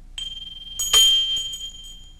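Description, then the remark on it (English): A small bell is struck once, giving a bright, high metallic ring that lingers and slowly fades, heard up close with no one speaking. “Number 1 was a small bell.”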